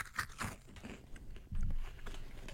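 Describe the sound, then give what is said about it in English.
A crisp bite into a cinnamon swirl rice cake with drizzle, followed by steady crunchy chewing, with sharp dry crackles at the start and a louder, denser burst of crunching midway through. “There's just enough drizzle to make you forget you're eating a rice cake.”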